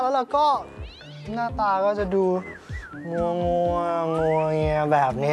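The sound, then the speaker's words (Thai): A cat, Panther, yowls and wails in long, wavering, high-pitched cries while fighting with a dog, rising and falling almost continuously, while a person talks over the noise throughout. “แต่ถ้าเกิดว่าวันไหนตื่นก่อนเวลาเพราะว่าได้ยินเสียงเจ้าแพนเตอร์เนี่ยทะเลาะ กับสุนัข”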